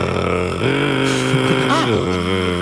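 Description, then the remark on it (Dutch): A voice imitates a European nightjar's churring song as a steady, motor-like hum that shifts pitch once or twice, as if changing gear, for a couple of seconds. “Heb je een ezelsbruggetje voor de nachtzwaluw? Ja, hij klinkt eigenlijk een beetje als een motortje.”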